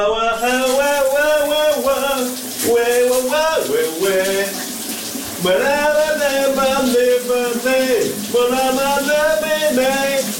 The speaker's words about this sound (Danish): Nu skal vi over til en, som elsker at synge, og det gør han her i radioen hver morgen, live fra sit brusebad,